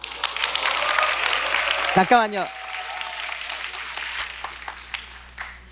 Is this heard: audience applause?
yes